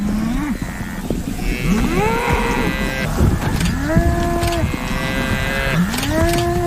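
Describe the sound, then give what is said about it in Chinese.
African buffalo bellow again and again while repeatedly butting a lioness, several deep, moaning calls overlapping and rising in pitch, with no pause between them and a steady rough noise underneath. “非洲水牛还在不停地顶它，快看！”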